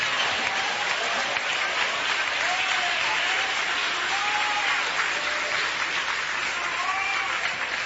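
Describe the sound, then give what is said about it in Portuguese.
Sustained applause from a large audience at a church worship service, clapping to glorify Jesus, steady and dense for several seconds, with faint cheering voices rising through the clapping. “Toma o seu assento, desocupem as mãos, batam palmas e glorifiquem a Jesus.”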